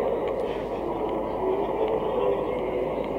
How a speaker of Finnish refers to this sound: Tässä se juna just taitaa lähteekin.